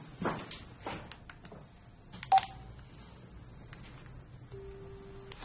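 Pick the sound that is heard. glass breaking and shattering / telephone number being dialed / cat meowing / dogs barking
telephone number being dialed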